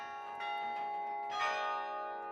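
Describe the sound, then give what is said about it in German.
Carillon bells played from the tower through an iron or wire mechanism, heard throughout the city centre, ring out in a run of overlapping struck notes, their bright metallic tones sustaining and blending into a shimmering wash at a steady moderate loudness, with no voices. “weil man muss hier eine ganze Mechanik aus Eisen oder Draht in Gang setzen, die dann bis da oben hingeht.”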